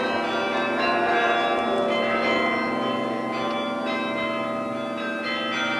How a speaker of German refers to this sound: Eine große Menge hatte sich dort bereits vor der Bühne versammelt, um dem Glockenspiel des Roten Turms zu lauschen, von dem diese Feierstunde eingeleitet wurde.